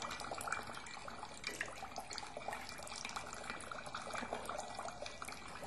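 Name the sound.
water flowing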